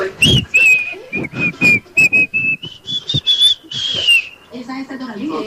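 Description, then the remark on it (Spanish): A radio call-in listener on the show Candela whistles a song melody over a phone line for the hosts to identify, a run of clear sustained tones rising and falling in tune, with rhythmic thumps and background noise beneath, fading into a murmur at the end. “Aquí te desciframos tus canciones, tú solamente pídelas silbando.”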